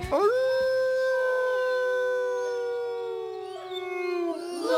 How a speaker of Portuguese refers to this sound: Já o Chico tinha saído quando o uivo prolongado cortou a noite.